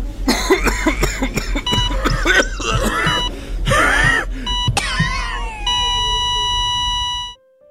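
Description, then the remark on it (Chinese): Repeated harsh coughs in quick bursts, followed by strained, whistling wheezy breaths, then a steady high electronic tone that holds for a couple of seconds before cutting off. “咳嗽，气喘。”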